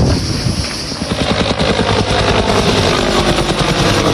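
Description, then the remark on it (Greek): A fire service helicopter making drops in choking smoke over a wildfire at the village of Magoula, Fokida, Greece, roars overhead, its rotor blades beating a rapid, steady thumping over a dense wash of engine and wind noise, loud and continuous throughout with no voices. “Ελικόπτερο της πυροσβεστικής μέσα σε αποπνικτικό καπνό πραγματοποιεί ρήψεις.”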